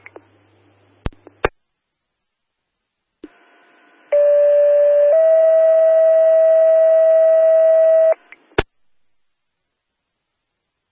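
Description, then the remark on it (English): A steady two-part fire dispatch alert tone blares for several seconds, one pitch stepping to another, framed by sharp radio clicks and brief bursts of static before and after, sent by Franklin County Dispatch for a second alarm to a motor vehicle accident in Westville. “Give us another set of tones.”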